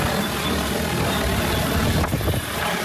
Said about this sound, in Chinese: 伴随着旋翼轰鸣，一架农用无人机很快抵达山顶茶园上空，精准悬停，稳稳吊起一袋刚采摘下来的茶青，仅用2分钟便将茶青运到了山脚的加工点。